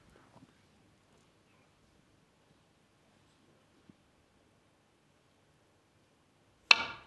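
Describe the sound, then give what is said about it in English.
A soft click of a snooker cue striking the cue ball in near silence, then after a few seconds a sharper, louder knock as a long red drops into a very tight pocket. “He misses a black off the spot, just gets down and drills in a long red like that.”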